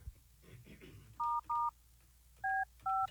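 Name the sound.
telephone keypad dialing tones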